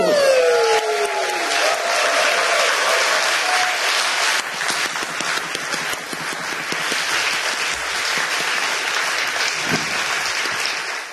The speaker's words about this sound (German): Und deshalb in diesem Sinne, danke für euren Support und euren Applaus, ihr liebes Magdeburger Millionenpublikum.